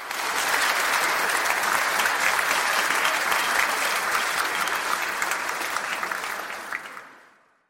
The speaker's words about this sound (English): Then I heard something I'd never heard before, applause made of actual lungs, actual hands, and I didn't recognize it at first.